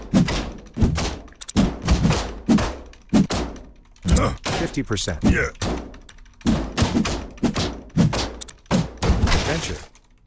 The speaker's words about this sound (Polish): My możemy sobie te skrzynki porozwalać, co warto. Skrzynka, skrzynka, skrzynka, skrzynka, skrzynka.